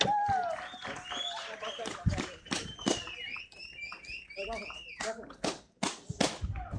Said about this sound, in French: On applaudit bien fort.